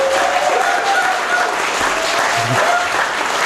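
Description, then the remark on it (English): A concert audience claps for a performer's first full-length concert, a dense wash of many hands sustained at full volume throughout, with a few faint whistles or cheers rising above the applause. “So give them a huge round of applause.”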